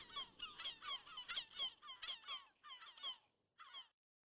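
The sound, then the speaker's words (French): Herring gulls calling overhead in the Bay of Somme, France, in a rapid series of loud, squealing cries, one after another for about three seconds, then a brief pause and one final call. No voices. “quand il revenait, il entendait tous ces goléons argentés au-dessus de lui quand il revenait de l'école.”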